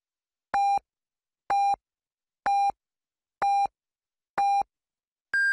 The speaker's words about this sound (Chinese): 北京时间14点整，第一财经广播提醒您准确对时